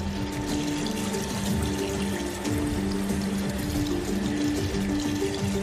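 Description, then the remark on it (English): Seawater forced under great pressure through a desalination membrane that filters out salt and other minerals: a steady, dense rush of flowing water over a constant low mechanical hum and whine, continuous throughout, with no voices. “Seawater is forced through a special membrane under great pressure, filtering out salt and other minerals in the process.”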